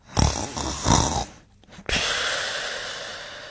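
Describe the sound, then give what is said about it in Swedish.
A sleeping person snores loudly: two rough, rattling snores in quick succession, a short pause, then a long, steady, breathy exhale that drags on to the end. “Ni hör ju, sömniga personer är störiga som fan.”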